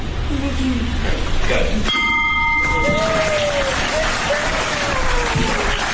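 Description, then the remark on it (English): A ceremonial bell, rung by three invited people to close out the day's business, rings out once with a bright, clanging strike that hangs briefly before fading, heard over a steady wash of crowd noise and indistinct voices. “So that really concludes most of our business items for the day, but I really cannot close out and hold this gavel and ring this bell without inviting those three special individuals to help me ring out the bell today.”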